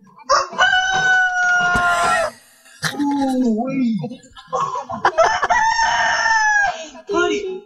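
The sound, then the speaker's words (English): A rooster crows loudly, twice in long drawn-out calls, while chickens cluck in between and a man's voice speaks briefly among the birds; doorbell camera footage from Spartanburg of chickens greeting an Amazon Prime driver delivering packages. “It's an Amazon Prime driver who's delivering packages and gets greeted by some chickens.”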